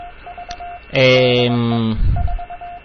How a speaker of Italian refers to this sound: ma qui il codice morte, il codice morse è sempre uguale, e questo in realtà è un radiofaro.